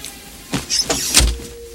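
Someone gets into a car: a door unlatches, clothing rustles with a brief creak as they settle, then a single solid door thud, followed by faint cabin hum.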